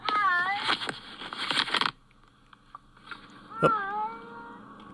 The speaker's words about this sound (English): Oh, the poor cats.